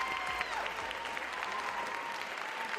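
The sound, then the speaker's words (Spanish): An audience at Prepa 9 claps steadily for guests of the programme Súbele a la Ciencia, a dense wash of many hands with no pauses, holding an even loudness for a few seconds. “Denles un aplauso totote, por favor.”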